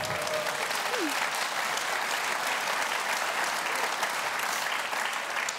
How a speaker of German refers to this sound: Ja, danke schön, da kann man schon mal klatschen.